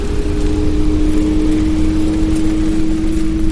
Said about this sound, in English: so I could hear what the electric smart car actually sounds like